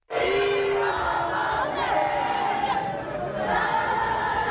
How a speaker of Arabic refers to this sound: دقائق من صمت بعد مغادرة ملعب الأمير مولاي الحسن في العاصمة الرباط قبل أن تردد الجماهير بشكل جماعي وبصوت عالي ديما مغرب ديما مغرب في عقاب خسارة لبؤات الأطلسي لمباراة نصف النهائي في كأس إفريقيا للسيدات بضربات الجزاء ضد الكاميرون.